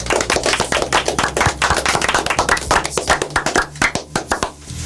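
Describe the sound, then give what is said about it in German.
Applause from a small group, dense overlapping hand claps throughout, loud and steady before thinning slightly toward the end, with a low hum underneath. “Auch für euch einen Applaus.”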